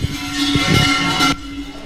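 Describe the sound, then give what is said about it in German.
A steady, fairly loud car horn honk sounds over the rushing noise of passing cars in Solothurn, Switzerland, in the early morning, then cuts off abruptly, leaving a quieter road rumble. “Man hört schon am Morgen früh die Vögel, die Autos, die durchfahren oder auch mal eins, das hupt.”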